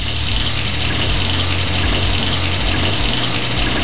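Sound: cold water running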